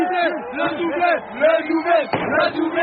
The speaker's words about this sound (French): Entendez le chant des supporters de cette petite rue Raymond Lostrand dans le 14e arrondissement. On est comme au stade.